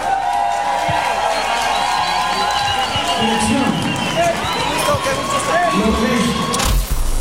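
A crowd applauds and cheers loudly and steadily, dense clapping mixed with shouts and whoops from many people, sustained throughout without pause.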